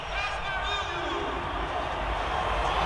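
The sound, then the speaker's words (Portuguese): A dense, steady roar of Brazilian football fans at MetLife Stadium in New York during Brazil's match against Morocco, over 100 decibels, many voices cheering and chanting together at a loud, unbroken level, with no single speaker standing out. “Vamos ouvir um pouco da torcida brasileira aqui em Nova York”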